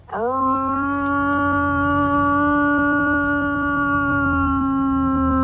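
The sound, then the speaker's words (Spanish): A man's voice imitates a wolf howl to call wolves: one long, loud call that swoops upward and then holds a steady, sustained tone for several seconds, with no talking. “Pues yo llamaba a mi padre, que eran los lobos ya.”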